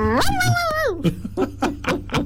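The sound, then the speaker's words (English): A person imitates a dog, starting with a drawn-out whining howl and breaking into a quick run of five short, yappy barks, fairly loud. “Geez, you do a dog impersonation pretty well.”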